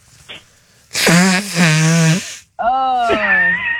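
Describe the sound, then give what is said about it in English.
Loud, honking nose blowing: a long, buzzy, nasal blast that pauses briefly mid-way, then a second drawn-out blow with a wavering pitch that rises near the end. “Like, come to think about it, I kind of need to blow my nose.”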